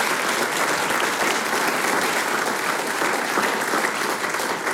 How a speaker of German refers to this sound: Ja, ein Applaus.